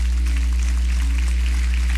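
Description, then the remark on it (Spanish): A crowd applauds with dense, steady clapping that stays at an even loudness for about two seconds, a low electrical hum running beneath it. “Le da fuerte ese aplauso.”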